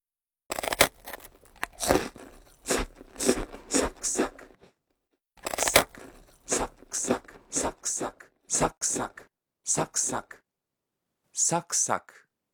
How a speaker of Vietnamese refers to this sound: Ngoài ra thì từ này cũng có thể được dùng cho tiếng ăn táo, bánh quy giòn hay những thứ tương tự. Tóm lại thì cứ cái gì giòn giòn, khi cắn đều có thể sử dụng được từ này, giống như là âm thanh sau đây.